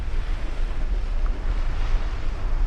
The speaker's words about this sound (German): An der südlichsten Spitze Amerikas, im äußersten Süden von Argentinien, auf der Insel Feuerland, wo der Wind über den Atlantik an die Küste peitscht